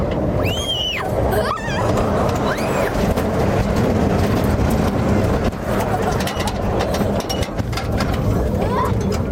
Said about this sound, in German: Unser Zug rattert über Berggipfel und durch Tunnel.